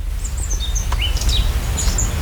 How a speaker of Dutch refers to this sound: Ik hoor wat vogeltjes. We staan hier in een prachtige tuin, vlakbij een kasteel.